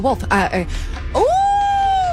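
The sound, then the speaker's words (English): A brief spoken question about what the wolf says, then a voice imitates a wolf's howl: one tone that swoops upward and holds a long, steady, fairly loud note until the end. “When the wolf?”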